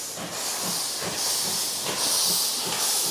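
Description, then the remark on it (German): A P8 steam locomotive labors tender-first down the valley, pulling a long passenger train toward Weizen station on the Sauschwänzlebahn museum railway in the Wutach valley, Germany. Its broad steady hiss is punctuated by rhythmic chuffing surges about every half second, with no voices over the continuous rumble. “Wieder macht sich die P8 mit einer großen Ladung Personenwagen am Haken auf den Weg.”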